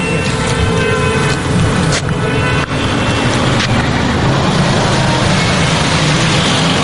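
Loud, continuous engine roar as drivers race along a road at breakneck speed, revving their engines, a dense rumbling drone that barely lets up. No one speaks.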